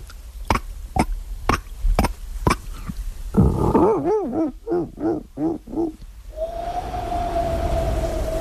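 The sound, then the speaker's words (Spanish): A voice imitates a dolphin: a run of sharp, evenly spaced clicks, then a series of rising-and-falling squeaky whistles, ending in one long, steady high whistle. “Mira, joder, el mar y todo, te puedo hacer un delfín.”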